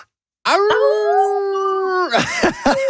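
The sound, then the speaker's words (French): After a brief silence, a radio host and the coordinator of the Festival du Loup de La Fontaine in Tiny imitate a wolf howl together to close an interview: one long, loud, steady howl that breaks off into short, wavering yelping cries near the end. “On se quitte sur un petit hurlement de loup.”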